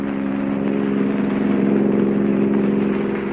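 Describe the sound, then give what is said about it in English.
A car engine runs steadily at a constant pitch as the car climbs a mountain road, a loud, unbroken droning hum with no voices and no change in speed throughout. “an object which would stay hidden and unnoticed till the car reached the most dangerous portion of the mountain road, and then do its work, still hidden, still unnoticed.”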